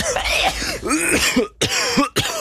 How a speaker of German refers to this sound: der Ton mit dem Husten